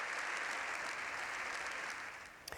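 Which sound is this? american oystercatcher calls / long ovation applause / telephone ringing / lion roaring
long ovation applause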